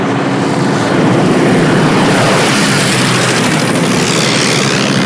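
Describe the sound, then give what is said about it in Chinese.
Loud droning of propeller aircraft passing overhead, a steady broad engine roar that fills the whole clip with no one speaking. “这些飞机飞到这儿是需要电台。”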